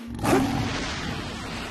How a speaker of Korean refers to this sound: 어? 사자잖아. 사자에겐 한글이 없군.